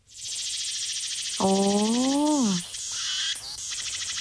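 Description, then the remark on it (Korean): A Meimuna opalifera cicada, a small cicada species, sings: a loud, shrill, continuously pulsing buzz with wavering phrases. A brief low voice-like tone swoops up and down midway through. “그게 작은 게 애매미입니다.”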